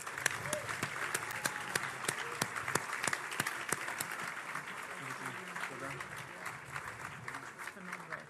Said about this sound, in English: Ladies and gentlemen, another round of applause, please. That was sensational.